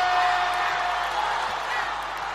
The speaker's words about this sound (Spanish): aplauso para Jefe.